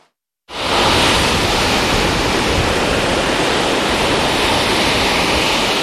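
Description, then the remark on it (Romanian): Large waves and strong wind on the sea at Mamaia and Vama Veche: after a split second of silence, a loud, steady roar of heavy surf and wind fills the whole recording, dense and unbroken, with no voices. “Turiștii au ignorat steagul roșu arborat și au intrat în apă, deși erau valuri mari și vânt puternic.”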